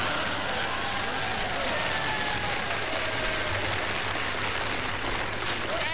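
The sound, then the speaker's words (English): A crowd claps steadily and loudly for the whole stretch, a dense wash of applause with a few faint whistles threading through it and no break in the noise. “Please, I have drunk my fill of the clapping.”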